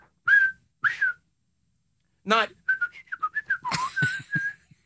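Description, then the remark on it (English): A person whistles the three-whistle 'Let's go, Caps' stadium chant: two sharp whistled notes, a pause, then a quick rhythmic run of whistled notes. A brief voice cuts in midway. “It's three whistles, but instead of saying let's go, Caps, it's three whistles.”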